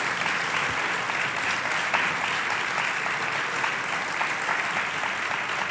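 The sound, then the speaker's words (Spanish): Steady audience applause for a guest on the Radio Castilla-La Mancha program El Dragón Invisible, a dense wash of many hands clapping at an even, sustained level for several seconds without pause or anyone speaking over it. “Pues creo que se merece, sin lugar a dudas, un fuerte aplauso.”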